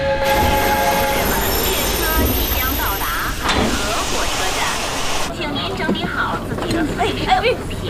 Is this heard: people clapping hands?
no